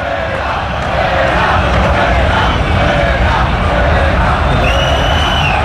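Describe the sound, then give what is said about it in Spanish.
A football stadium crowd in Vallecas chants together in a loud, steady roar, many voices blending into a continuous mass of sound with a rhythmic swell for the whole stretch. “Y así suena Vallecas.”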